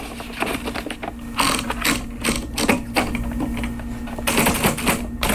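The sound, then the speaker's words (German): A typewriter's platen ratchets as a sheet of paper is rolled in at the front: a steady stream of quick mechanical clicks over a faint low hum, with no voices. “Das ist einmal dieses vorne dieses Blatt eindrehen.”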